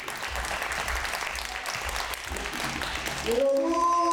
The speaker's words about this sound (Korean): 자, 이제 준비가 된 것 같으니까 여러분들께서 큰 박수로 선생님의 공연을 감상하겠습니다. 아주 기쁜 자리입니다. 여러분 큰 박수 부탁드립니다.